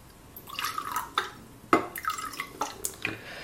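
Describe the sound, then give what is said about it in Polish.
A mix of juice and water is poured into a container while preparing to fry shrimp, splashing and gurgling in uneven bursts, with a few sharper drips and no talking. “Dobrze, ja sobie przygotuję teraz miks soku i wody, tak jak mówiłam wcześniej, żebym już miała go gotowy.”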